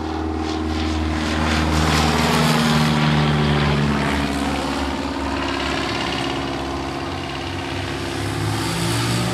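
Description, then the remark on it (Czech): A propeller plane, not a fighter, drones steadily overhead, its loud engine rumble swelling and slowly shifting in pitch as it passes, with no voices. “Nám tady nad hlavou přeletěl letoun, skoro jako kdybychom se ocitli v těch 40. letech.”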